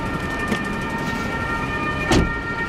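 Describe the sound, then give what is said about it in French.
An ambulance siren sounds steadily through rumbling street noise as the ambulance arrives at a fire in Lausanne, its tones held fairly even rather than rising or falling, with a brief louder thump of a passing vehicle near the end. “C'est quoi, les ambulances arrivent aussi automatiquement?”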